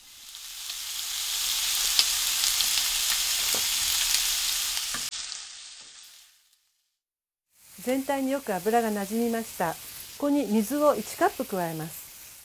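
Steady, loud sizzling and crackling of chicken, carrots and green beans frying in oil and fat for about five seconds, then a brief silence, followed by a person talking.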